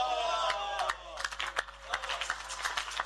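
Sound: audience clapping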